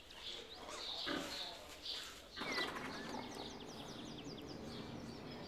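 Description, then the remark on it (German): Grunting and snuffling from the sow Stine with her eleven piglets at a newly built outdoor ramp, with short, high-pitched piglet squeaks scattered throughout and bursts of rustling movement. “Die Außenrampe für Stine und ihre Elferkel ist fertig.”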